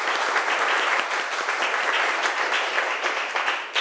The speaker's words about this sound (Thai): เรียบร้อยแล้วนะคะจากกลุ่มที่3ก็ขอเสียงปรบมือดังๆให้ตัวแทนจากกลุ่มที่3ด้วยค่ะ